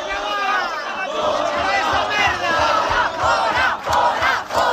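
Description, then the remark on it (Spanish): Hundreds of protesters, called by about twenty social groups, shout and chant together in a loud, continuous roar in Santiago on a Monday, blocking an event of the far-right party Vox, with rhythmic low thumps underneath and many overlapping voices rising and falling. “Centenares de manifestantes convocados por una veintena de colectivos sociales han impedido este lunes la celebración de un acto de la extrema derecha de Vox en Santiago”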